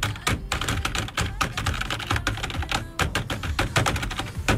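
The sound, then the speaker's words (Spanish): Rapid, uneven typing on a computer keyboard, fairly loud, with dense clicking keystrokes running throughout and no voices. “Ah, el teclado.”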